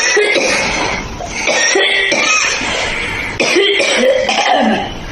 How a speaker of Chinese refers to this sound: 五段咳嗽的声音，大家选一选，哪一种咳，大家觉得相对来讲比较严重？